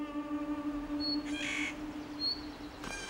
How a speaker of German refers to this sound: Vögel wie der Tannenhäher wissen das raue alpine Klima zu schätzen.